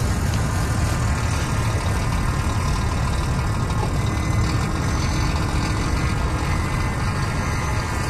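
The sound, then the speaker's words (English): Steady rumble of heavy engines and passing traffic in an industrial, built-up part of Sydney, among car parks, trucks and building supply sites; trucks idle and drone with a dense, continuous low roar and no voices. “In this industrial and built-up bit of Sydney, right near a rugby station and a road named after Captain Cook, in between car parks and trucks and building supply sites, there were toads.”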